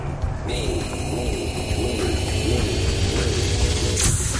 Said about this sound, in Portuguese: Aê! O avião decolou